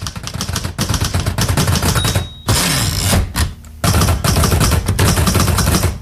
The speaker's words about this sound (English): You probably recognise that it's typing, but do you know what it's typing on? You might need help from a grown-up for this one, as it's something quite old-fashioned.